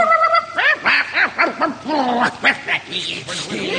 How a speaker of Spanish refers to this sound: Seguida por 30 perros que me ladraban.